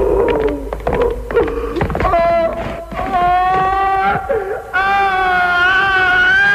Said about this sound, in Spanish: Pascual es conducido a su ejecución entre gritos, sollozos y empujones. Toda la contención que ha mostrado el personaje hasta entonces deviene, al final, en chillidos, ojos desorbitados y terror ante la inminencia de la muerte.